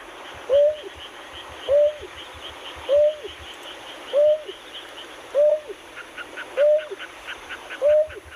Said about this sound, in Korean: 예, 약간 뻐꾸기 소리 같았는데. 맞아요. 네, 이 호사도요가 안놈이 순놈을 구애하려고 부르는 소리입니다. 아, 멀리서. 네. 암놈이 순놈을 부르는 거군요.